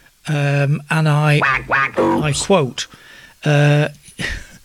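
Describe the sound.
A person imitates a duck with a string of loud, nasal quacks, some drawn out and others quick and wobbling. They come in several close bursts with brief pauses between them.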